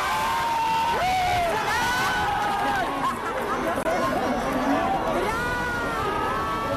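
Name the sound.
fans screaming and cheering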